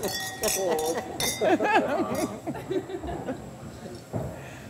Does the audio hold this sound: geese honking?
no